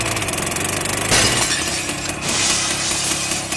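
A steady tractor engine drone is broken by a sudden loud crash about a second in as the driverless tractor breaks through a shoe shop's glass window, with bright shattering glass and clattering debris continuing over the running motor.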